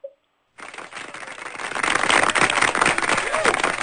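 After a short tone and a moment of silence, dense applause for a student who has just sung on the program breaks out and swells to a steady, loud patter of many hands clapping that continues to the end.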